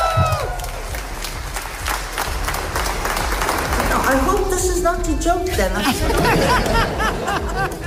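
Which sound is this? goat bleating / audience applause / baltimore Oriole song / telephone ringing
audience applause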